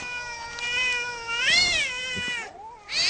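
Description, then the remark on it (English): An angry stray cat, fighting with a bush turkey in a front yard at 12:50 at night, yowls in long, drawn-out wavering howls that rise and fall in pitch, loud, breaking off briefly near the end before starting up again. “And then at 12:50 this morning, I hear a stray cat having a fight with a bush turkey in our front yard.”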